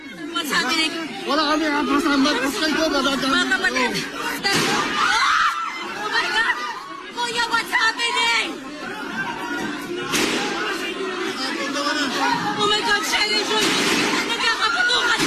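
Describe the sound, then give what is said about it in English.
A panicked crowd of lawmakers and journalists trying to take cover inside the Philippine Senate after gunshots were heard in the building, in loud, continuous uproar: overlapping shouts and screams, with scattered thumps and bangs breaking through the din. “Footage from inside shows crowds of lawmakers and journalists trying to take cover.”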